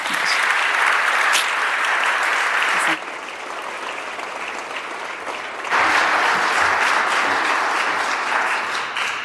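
Sustained audience applause fills the room, a dense wash of many hands clapping at steady loudness, dipping slightly midway before swelling again, with no one speaking over it.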